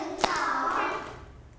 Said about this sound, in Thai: ตบตักสองครั้ง